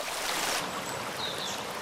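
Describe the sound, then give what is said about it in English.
A stream rushes steadily, a dense, continuous wash of water noise, with a couple of faint, thin high-pitched peeps from a bird chick perched on a rock, soaked by the water, barely rising above it. “The chick's call is hardly audible above the rushing water.”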